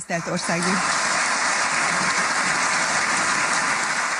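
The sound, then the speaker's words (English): Sustained, dense applause fills Budapest's neo-Gothic Hungarian parliament building as lawmakers elect András Baka Hungary's president, steady and loud throughout, with a brief voice audible at the very start before the clapping takes over. “Applause reverberates through Budapest's neo-Gothic parliament building.”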